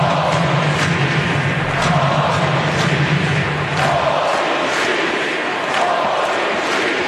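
A large crowd at a Padres baseball game against the Cubs chants "Holy Sheets" in unison as Gavin Sheets comes to the plate, a loud steady roar with rhythmic rising bursts repeating every second or so, the dense low rumble thinning out partway through.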